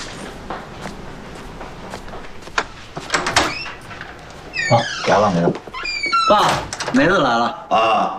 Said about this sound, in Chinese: 放心吧，走了。我开门去啊，爸。